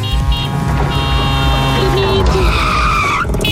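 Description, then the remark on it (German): A tuk-tuk sound effect played during a programme as a cue for listeners to call in: a loud, buzzing small engine drones steadily with a rough, layered hum, then its pitch swoops sharply upward just before the end. No talking. “Also immer wenn Tuk-Tuk durchs Programm durchfährt, dann klingelt ihr durch”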